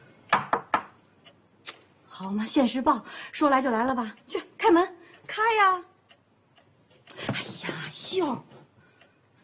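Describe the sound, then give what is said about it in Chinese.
A quick burst of three or four sharp knocks on a door at the start, fairly loud, followed by animated voices talking over the next several seconds. “好嘛，现实报，说来就来了吧，去开门，开呀！”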